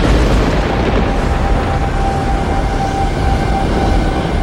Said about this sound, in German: Wie aus dem Nichts brach ein gewaltiger Donnerschlag über unsere Köpfe hinweg.